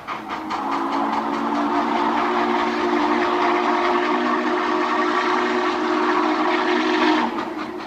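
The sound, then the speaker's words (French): A steam locomotive's whistle blows in a long, steady, harmonic tone for about seven seconds over the rumble of a moving train, then cuts off abruptly, in a soundtrack piece from a John Wayne film. No one speaks. “Et oui, voilà, le bruit du cheval de fer, tel que les appelaient les Indiens de toutes les tribus possibles, hein, le cheval de fer.”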